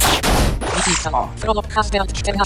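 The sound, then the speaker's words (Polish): A loud, noisy video game claw-swipe attack burst with a hit impact on the creature on the left, followed by a series of pitched, wavering, voice-like cries, the creature's pain sound, like groaning. “Był dźwięk ataku, był dźwięk uderzenia w stwora po lewej stronie, był też jego dźwięk bólu.”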